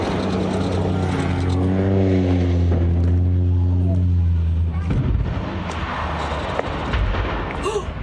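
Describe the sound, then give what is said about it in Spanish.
A seaplane on a tourist flight with 11 people aboard, off the coast of Washington state, drones steadily, then its engine cuts off in a sudden loud crash into the sea, followed by a rough, churning wash of noise. “El hidroavión con 11 personas a bordo se estrelló en el mar y comenzó a incendiarse.”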